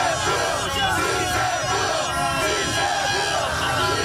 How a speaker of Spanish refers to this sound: Todo comenzó pasadas las 5:10 de la tarde. Apenas sonó el pitazo final, los hinchas empezaron a llegar a las esquinas de Urdesa al grito de ¡sí se pudo!